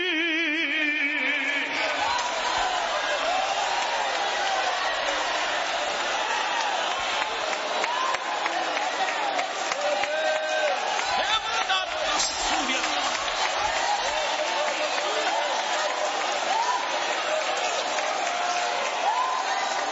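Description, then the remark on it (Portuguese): A large church crowd with raised hands shouts and cries out together in loud, overlapping praise, calling "glória" for about ten seconds, a continuous dense roar of many voices for the whole stretch without pause. “Eu vou dar 10 segundos de glória. Se tu quiser dar glória comigo, fique à vontade.”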